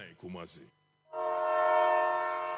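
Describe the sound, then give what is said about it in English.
A short burst of voice gives way, after a brief pause, to a loud, steady train horn blast held for about a second and a half, sustained. “Kuchaka chukuchaka like a train, y'all.”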